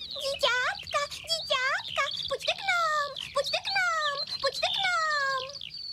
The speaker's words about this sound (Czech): Hned na to přelétne nad zahrádkou strnad a do celého okolí se vychloubá. Bezu kvítí, bezu kvítí.